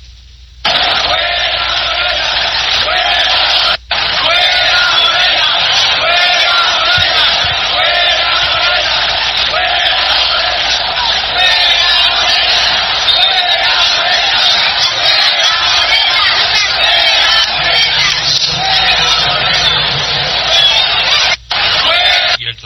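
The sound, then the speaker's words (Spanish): A huge stadium crowd roars and chants the protest slogan "Fuera Morena" in unison, a dense, continuous wall of shouting voices that stays loud throughout, with only a couple of momentary breaks. “Preguntan que si hubo grito de fuera Morena en el estadio. Sí, sí hubo grito.”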